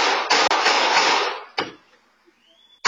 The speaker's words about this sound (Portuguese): Momentos depois, dá pra ouvir os disparos.